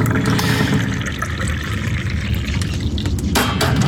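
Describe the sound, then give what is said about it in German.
Tea pours steadily into a cup in a continuous splashing stream, the liquid sound brightening slightly toward the end, with no voices. “So, noch eine letzte Tasse Tee.”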